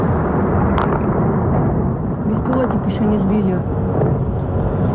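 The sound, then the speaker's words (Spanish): Loud, continuous rumbling of missile strikes and explosions fills the scene, a dense low roar of war with faint, indistinct voices buried beneath it. “Ese sonido de los misiles y ese sonido de la guerra está marcando también los mercados.”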